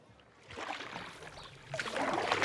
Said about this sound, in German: Man kann es nicht immer sehen, doch irgendwie immer ahnen. Das Wasser in dieser Stadt.